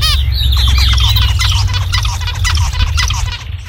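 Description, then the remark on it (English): Zebra finch calls: a busy stream of short, nasal chirps and squawks tumbling over one another at a steady pace, with a constant low hum running underneath and no talking. “So one of those examples is actually the zebra finch.”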